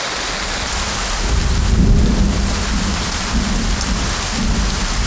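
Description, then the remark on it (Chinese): Heavy rain pours down steadily in a dense, hissing wash during a local heavy rainstorm, heaviest at Jiudaogang, while low thunder rumbles and swells beneath it, peaking briefly before settling into a continuous roar. No voices are heard. “本地普降大道暴雨，最大降雨出现在九道港。”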